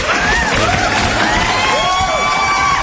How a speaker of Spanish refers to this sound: Te despedimos con un gran aplauso, hermano.